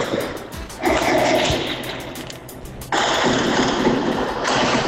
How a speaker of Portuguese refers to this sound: A chapa esquentou, mandou aqui pra gente também um relato do barulho do tiro assustador. A gente vai trazer aqui pra você o que ele conseguiu captar da residência dele.